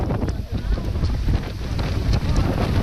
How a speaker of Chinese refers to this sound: 这里仅容2-3个人转身，7至8级大风直灌洞口